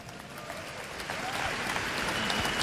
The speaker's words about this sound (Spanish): Un aplauso a Dios Padre.